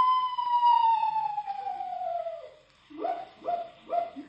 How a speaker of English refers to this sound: Just a screech owl, Unc. Oh? Must have the hiccups. Hello there, Screechy.